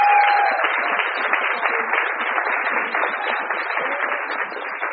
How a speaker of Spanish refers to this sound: ella es integrante de la Asamblea Alto Valle Libre de Fracking, así que también un aplauso para la compañera presente.